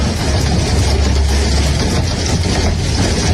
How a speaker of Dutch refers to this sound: Toen hadden we die enorme horrorhagel, weet je nog? Ja, die hagel die zorgde voor enorm veel schade aan onder andere auto's.